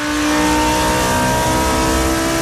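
A loud, high-pitched Formula 1 race car engine screams at steady high revs, its harsh whine holding constant for a few seconds with no voices.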